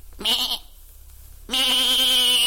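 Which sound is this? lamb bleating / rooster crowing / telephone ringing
lamb bleating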